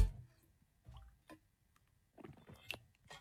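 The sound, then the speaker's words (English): Quiet sips of water as people drink to stay hydrated: a few brief wet slurps and swallows spaced across a few seconds, with soft liquid squishes and no talking in between. “In your hand, ready, let's all have a sip and stay hydrated.”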